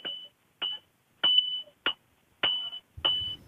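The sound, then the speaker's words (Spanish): A hammer strikes iron six times at a blacksmith's forge run by the Mazo Novo smiths, outside the Principality of Asturias pavilion at a romería, about every half second or so, each blow a sharp clang that rings out as a high, bright metallic tone. “Como con un martillo y hierro.”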